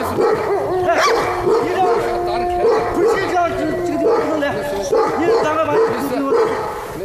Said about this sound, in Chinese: 竟然搞混了要配对的狼，引起了狼的打斗。